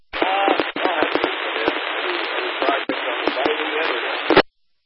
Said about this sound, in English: Oh, we got, it looks like you got a lightning strike there,